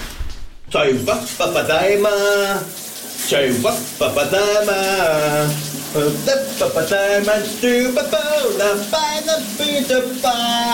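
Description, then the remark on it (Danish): A steady hiss of shower water runs throughout while a voice sings a wavering, melodic song in the shower in the morning, the spray loud and continuous beneath the singing. “Her er dagens brusebadshit på VLR.”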